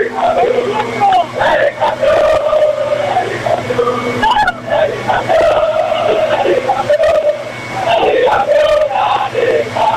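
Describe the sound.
A group of voices, the Belgrano squad, coaching staff, kit men and directors celebrating a championship, shouts a group cry together in a loud, sustained chant, rising in bursts with brief dips between phrases, the raw cheering staying strong and continuous for the whole stretch.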